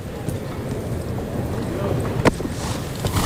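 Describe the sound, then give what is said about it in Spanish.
A horse snorts and breathes hard while galloping in a mounted bullfight, over a steady rumble of hoofbeats, with one sharp burst near the end, wind noise and voices in the background. “Ahí resopla el caballo, Alcotán, en el galope, respirando fuerte.”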